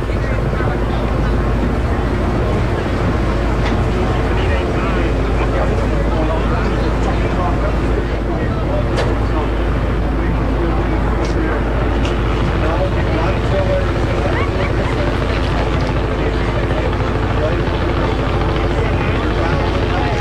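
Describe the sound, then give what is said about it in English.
A helicopter's rotor blades thump in a steady, loud, low drone as it comes into a stadium to land in the southwest corner of the end zone of the cleared field, with a busy crowd-like murmur of voices mixed underneath. “You can hear the blades of the chopper as it comes into the stadium.”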